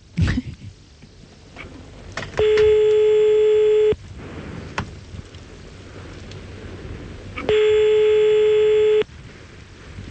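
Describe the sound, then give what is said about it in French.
A telephone ringing tone as a call is placed sounds twice, each a steady buzzy tone lasting about a second and a half, separated by a few seconds of quiet background hiss. “Déjà, ça dring.”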